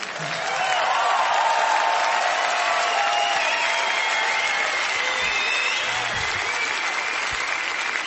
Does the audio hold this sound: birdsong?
no